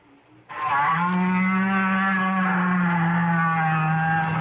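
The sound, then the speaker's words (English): A great big whale's call deep down in the ocean: one long, loud, low moaning tone with rich harmonics that holds steady for about four seconds, sounding much like a cow's moo, with no talking. “If you agreed with these guesses, You've been fooled, because each sound was made by a whale.”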